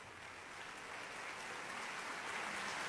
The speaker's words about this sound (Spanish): Y ahora mismo escuchamos a la sala de conciertos del Centro Cultural Tlacná reconocer, aplaudir, celebrar al maestro Emanuel Quijano.